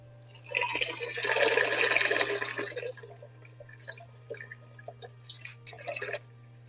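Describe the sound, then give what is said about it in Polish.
A steady stream of urine splashes into toilet water, strong for a couple of seconds, then tapering into short intermittent spurts and drips before stopping. “Nie zapomnij strzepnąć. Nie zapomnij, bo to tam czasem zostanie taka złocista kropelka.”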